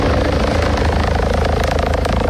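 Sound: rescue helicopter flying overhead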